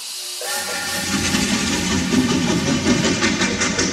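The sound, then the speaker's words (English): A steam locomotive rumbles steadily along with a loud, continuous hiss of steam over a low churning roar, building in from silence and staying constant, with no voices. “The evolution of railroad locomotives.”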